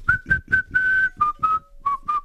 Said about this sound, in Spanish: Buen día, qué lindo ese silbido.